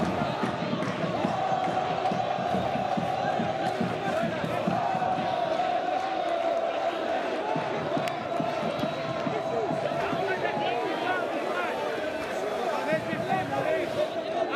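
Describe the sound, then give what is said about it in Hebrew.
A large stadium crowd at a Bnei Yehuda football match in Israel roars and chants together in a loud, sustained, unbroken wall of voices, with rhythmic shouting rising and falling throughout, dense. “איזה קהל!”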